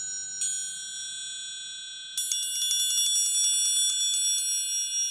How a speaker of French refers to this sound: le triangle, c'est un instrument monodique